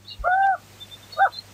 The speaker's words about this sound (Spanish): La lechuza. Estamos en el medio del monte. ¿Dónde se ha ido? ¿Dónde está?